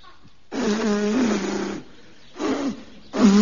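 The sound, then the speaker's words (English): A voice imitates a broken-down motorbike with a blocked feed pipe failing to start: one long, loud sputtering rumble, followed by two shorter bursts that cut off abruptly. “I can't help my bike breaking down.”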